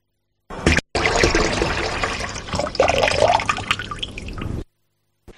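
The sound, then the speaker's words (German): A water tap runs steadily for about four seconds after a brief opening splash, a full rushing stream with a rising tone as it fills, then stops abruptly. “Zu hören gab es einen laufenden Wasserhahn.”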